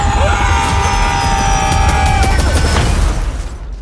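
A stolen helicopter, flown by someone who cannot really pilot it, roars with a steady rumble and a high engine whine, then comes down in a loud crash: a burst of booming impacts and clattering metal before the noise suddenly cuts off.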